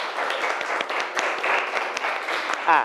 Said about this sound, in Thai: กลุ่มที่3ได้คะแนนเยอะสุดปรบมือให้กลุ่มที่3หน่อยครับ